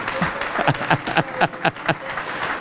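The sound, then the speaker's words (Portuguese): An audience applauding the Lord Jesus as people come forward to the front: a dense, steady wash of clapping with a loose rhythmic pulse running through it, and faint voices mixed underneath. “Vem cá e vamos aplaudir o Senhor Jesus por cada vida que está chegando.”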